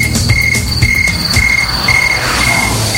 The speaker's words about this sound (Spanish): ¡Órale! ¡Ya están sonando los grillos, muchachos! ¡Ya están sonando los grillos!